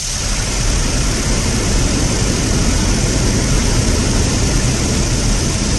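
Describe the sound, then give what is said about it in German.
A loud, steady, waterfall-like roar of rushing water on a livestream from Katmai National Park in Alaska, where bears fish salmon from the water, a dense unbroken wash of noise that holds the same level throughout, with no voices. “Ja, nicht wundern, klingt wie ein Wasserfall, weil die Bären nämlich aus dem Wasser den Lachs natürlich fischen.”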